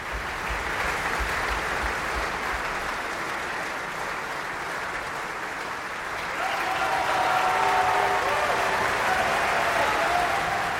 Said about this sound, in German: Und Sie hören es am Publikum, am Applaus. Er wird hier von allen gefeiert.